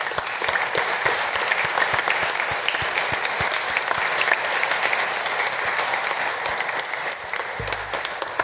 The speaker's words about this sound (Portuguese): Para todos, sem exceção, a nossa gratidão com uma salva de palmas.